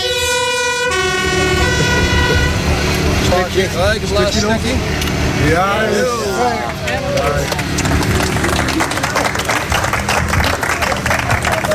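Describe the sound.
A fire engine arrives at the farewell event for Zeeuwwind's first wind park in Zeeland, there to symbolically cut a wind turbine cable. It opens with a loud horn blast before wavering siren sweeps rise over a busy, noisy crowd with people talking and clattering throughout.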